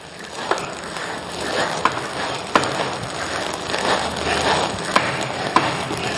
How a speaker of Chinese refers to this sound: 杀青的时候，听到这个杀青在锅里面噼里啪啦的响，就是像放鞭炮一样的冒大气了啊！